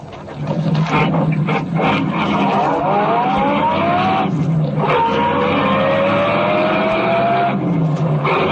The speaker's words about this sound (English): Go on, drive. Chase that car.